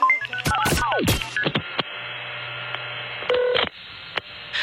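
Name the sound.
telephone keypad dialing tones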